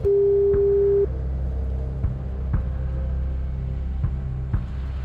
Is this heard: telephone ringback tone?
yes